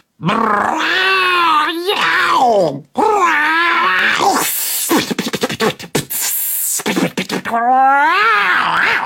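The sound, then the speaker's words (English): Cats caterwauling loudly: long, wavering yowls that swoop up and down in pitch, broken midway by a burst of harsh, scratchy screeching before the wailing resumes. “Then all at once came the ear-splitting sound of a caterwaul symphony echoing round.”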